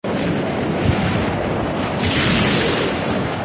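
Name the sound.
thunderstorm with rolling thunder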